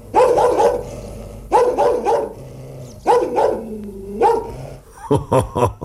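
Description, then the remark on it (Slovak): A voice imitates a barking dog: loud bursts of two or three woofs, repeated several times with short pauses, ending in a quicker run of sharp barks. “Nebojte sa, nie som rozzúrený, iba som vám chcel ukázať, ako sa má správne brechať.”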